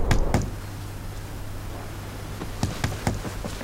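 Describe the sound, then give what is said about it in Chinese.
Someone knocks on a door to be let in: two quick raps, a pause of a couple of seconds, then four more sharp knocks in a steady rhythm over a low constant hum. No one speaks. “二姐，你干啥呢？快开门。”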